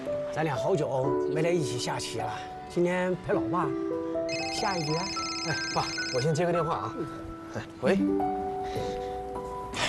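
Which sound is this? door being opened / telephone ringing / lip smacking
telephone ringing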